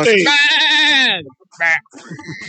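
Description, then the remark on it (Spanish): A goat lets out a loud, long, quavering bleat, then a brief second call and a rougher, fainter one, with what may be a voice mixed in at the end. “¡Hey, la vaca! ¡La vaca! ¡La chiva!”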